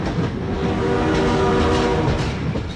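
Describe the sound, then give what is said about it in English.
A train rumbles past loudly, with a steady roar throughout and a drawn-out horn blast sounding through the middle of the pass. No voices. “Slow down, look and listen for trains before you cross.”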